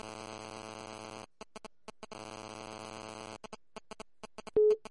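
A dropped phone call line tone as a call-in phone line cuts out: a steady buzzing telephone signal plays in two long bursts separated by clicking gaps, followed by a short, louder beep near the end. No one speaks.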